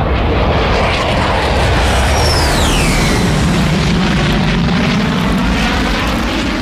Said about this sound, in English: As soon as I came back into the studio, the Red Arrows flew across.